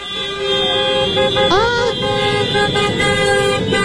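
Several car horns honk together during a protest, in a sustained, loud chorus of overlapping tones, with one horn's pitch bending upward midway, amid a busy street din.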